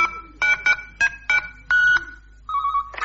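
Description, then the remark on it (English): Telephone keypad dialing tones as a number is pressed again to call the phone in a room: a quick run of about six electronic beeps at an uneven pace, one held a little longer, then a steadier lower tone. Clear, with no voices. “The number you called is still on the readout display.”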